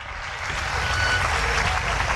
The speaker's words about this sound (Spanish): Dale un fuerte aplauso a aquel que vive, y el que vive para siempre en tu vida, en esta preciosa tarde.